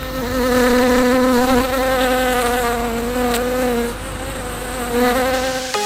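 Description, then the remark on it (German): A steady buzzing of bees in a garden drones on with a slightly wavering pitch, rising and falling a little as they hover. No voices are heard. “Also im Garten, paar Bienen, heißt, ihr habt keinen Steingarten.”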